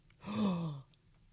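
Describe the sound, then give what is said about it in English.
A single gasp from one person, breathy and voiced, sliding downward in pitch over about half a second, with quiet background before and after and no talking. “I love Lord of the Rings. That's why I was gasping.”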